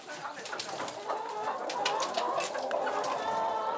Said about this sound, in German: Auf die unternehmungslustigen Hühnerdamen passt jetzt erst einmal der schwarze Hahn auf.